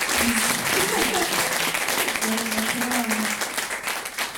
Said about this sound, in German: Das ist entspannt. Man kriegt Applause, ohne irgendwas gemacht zu haben. Also daran könnte ich mich gewöhnen.